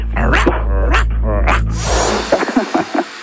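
dog barking and growling

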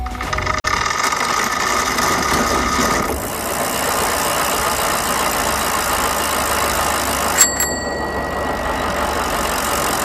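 engine running

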